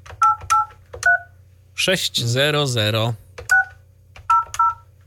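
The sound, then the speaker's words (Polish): Phone keypad tones beep as a phone number is dialed to test a call through a virtual switchboard: a few quick button presses, a pause while a voice briefly speaks, then several more beeps, all over a low steady hum. “I dzwonimy.”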